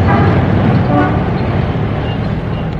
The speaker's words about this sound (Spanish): Sentados cómodamente ante las mesillas situadas al aire libre, contemplaban el intenso tráfico, el ir y venir incesante de los transeúntes.